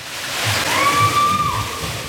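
Steady rushing, splashing water at a thermal water park on a muggy July day fills the scene with a broad wash and low sloshing surges, and a brief, high, thin tone rises above it midway through.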